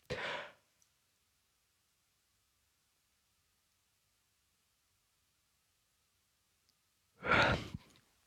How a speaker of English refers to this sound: I think we were all yawning trying to work out just how long a yawn actually was, because apparently the average yawn is 6 seconds. That feels long to me.